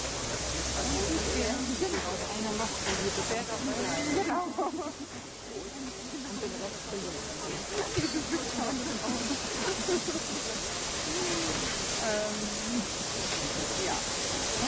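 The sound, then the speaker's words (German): A black steam locomotive running on water and coal hisses steadily and loudly as it reverses into a roundhouse, a dense continuous rush of steam with muffled voices and crowd chatter mixed underneath. “Bitte auch die Gäste im Rundhaus am Stand 3, also zwischen der 58 und der 503501, zur Seite treten, damit wir die Dampflok hier schön ins Haus zurücksetzen können. Die Dampflok ist schwarz und funktioniert mit Wasser und Kohle.”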